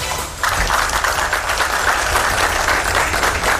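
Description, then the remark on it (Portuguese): A crowd breaks into sustained applause after a brief quiet moment, many hands clapping densely and steadily, with no one speaking over it. The applause greets a woman rescued after 42 hours adrift at sea as she is discharged from hospital on the coast of São Paulo state, Brazil. “Sob aplausos, mulher resgatada depois de 42 horas à deriva no mar, recebe alta do hospital no litoral paulista.”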